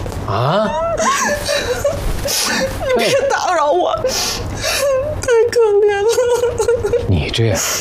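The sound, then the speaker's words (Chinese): A person whimpers and sobs, a wavering, high-pitched voice rising and falling in shaky, drawn-out cries with short breathy catches, going on steadily for several seconds, weeping over someone else's sad story. “嗯，这怎么还哭上了？”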